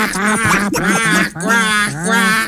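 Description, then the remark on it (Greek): Loud, nasal duck quacking, several drawn-out quacks in quick succession with brief breaks between them, and no talking underneath. “Όταν έπαιζε στον Ολυμπιακό, Τζολάκαρο, κάνατε τι πάπιε.”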